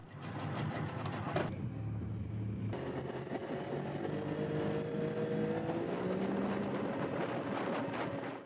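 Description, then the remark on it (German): A speedboat on the Elbe river carrying the three Saxon wine royalty from Radebeul to Meißen for the Meißen wine festival weekend: a loud, steady engine roar with a low drone and faint rising whine, plus rushing wind and water noise throughout. No one speaks. “Mit einem Schnellboot kamen die 3 sächsischen Weinhoheiten aus Radebeul nach Meißen.”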